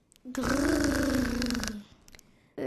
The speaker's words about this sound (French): C'était quoi ça ? Dit Carmen inquiète alors que les portes s'ouvrent. Les enfants sont éblouis tandis qu'un nouveau grognement les accueille.